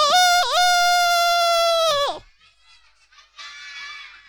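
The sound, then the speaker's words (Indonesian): A rooster crows once, loud and high-pitched: a short opening note, then a long sustained cry lasting about two seconds that drops off at the end, followed by a fainter, thinner call. “Ayam mulai berkokok.”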